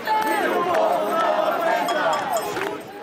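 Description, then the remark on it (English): A dense crowd of protesters marching through the streets of Lisbon, Portugal, against high rents and low wages, with many voices shouting and chattering at once and a steady bright metallic jingle of shaken house keys running through the noise for the whole stretch. “Shaking keys to homes they say they can barely afford, residents say the stress of paying rent has become unbearable as the cost of living goes up.”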